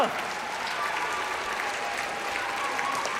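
A crowd applauds steadily, dense clapping filling the whole stretch at an even, fairly loud level without pauses.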